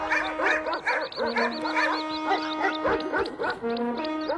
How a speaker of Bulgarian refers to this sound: Изведнъж от храсталака изскочи едно куче. След него друго, после трето, те лаяха силно, бягаха назад и се връщаха.